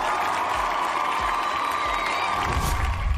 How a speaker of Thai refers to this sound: ขอเสียงปรบมือสักครั้งนึงครับผม